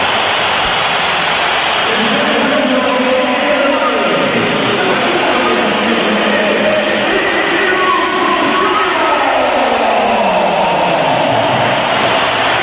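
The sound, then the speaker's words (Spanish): A huge stadium crowd at the Santiago Bernabéu roars steadily for the whole stretch, with shrill whistles aimed at Vinícius sliding up and down over the din and loud jeering mixed through it. “Es el sonido más comentado del día, es el sonido del Bernabéu, y este es el sonido que va a vivir el Atlético de Madrid en unas horas.”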